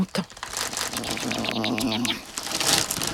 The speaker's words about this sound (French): C'est l'heure des chips. Toudou plonge ses pattes dans le paquet de chips. Il croque une chips, deux chips, trois chips.